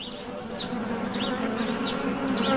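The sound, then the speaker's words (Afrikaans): A bee buzzes steadily as it flies away for a couple of seconds, a continuous droning hum, with light high-pitched chirps repeating faintly in the background. “Toe vlieg sy weg en roep: Lekker werk!”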